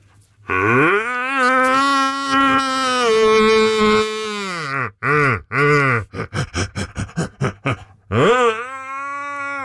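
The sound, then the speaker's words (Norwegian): A man imitates a red deer's rutting roar: a long, deep, groaning bellow lasting about four seconds, followed by several shorter grunts, a rapid string of clipped huffs, and a final rising roar. “Du, vi må få litt helt til slutt her, få litt skikkelig hjortebrøl igjen fra deg.”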